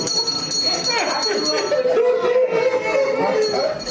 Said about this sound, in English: Traditionally, a cancer patient rings a bell to mark the end of treatment.